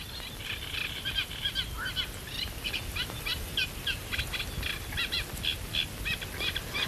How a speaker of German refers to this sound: Der eine meckert mehr, möchte ich sagen. Eben hat er wieder gerufen. Das ist aber jetzt sehr abgehackt, also wenn dann mehrere am Quaken sind, dann ist das auch ein mächtiges Froschkonzert, wie wir es vorhin ähnlich beim Laubfrosch hatten.